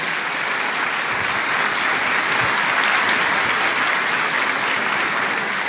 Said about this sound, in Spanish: Les damos la bienvenida a todos ustedes con este caluroso aplauso de bienvenida.